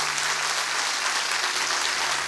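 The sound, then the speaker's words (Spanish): Steady applause from a church audience for the people connecting to the broadcast, a dense wash of many hands clapping at an even, sustained level for a couple of seconds with no voices heard over it. “Dale un fuerte aplauso a la gente que se conecta.”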